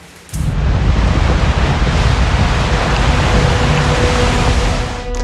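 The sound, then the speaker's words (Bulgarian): Loud, continuous roar of sea waves mixed with strong wind buffeting the microphone, starting abruptly after a brief quiet moment and holding steady throughout with no voices. “Какво е да се изправиш срещу силата на вятъра и водата в морето?”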